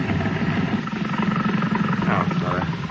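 A boat engine races steadily while the boat is anchored in a harbor, a loud, continuous low roar with a throbbing rumble that holds level throughout without letting up.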